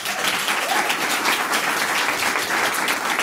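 Steady, dense applause from an audience, many hands clapping at once in a continuous loud wash of noise for a few seconds, with no talking over it.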